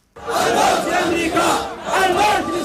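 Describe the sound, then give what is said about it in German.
A large crowd of Houthi supporters in Yemen's capital Sanaa shouts slogans in unison, loud and sustained, the massed voices rising and falling in two rhythmic surges with a brief dip between them. “Mit Parolen und Marschmusik geben sich die Houthi in Jemens Hauptstadt Sanaa kämpferisch.”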